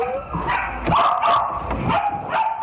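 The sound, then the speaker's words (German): Several puppies kept in boxes at a Belgian dog dealer bark and yip in overlapping, high-pitched bursts, a busy cluster of small dogs with a faint whimper mixed in. “Die Welpen werden hier in Boxen gehalten, in denen sie nichts von ihrer Umwelt mitbekommen.”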